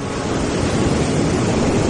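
Atlantic Ocean surf at Nazaré rumbles steadily as waves break on the shore, a loud, continuous wash of white noise with no distinct pauses and no voices.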